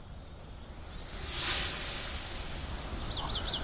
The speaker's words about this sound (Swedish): Av och till så drunknar vi i bofinksång här. Och det blir i sig inte det sämsta.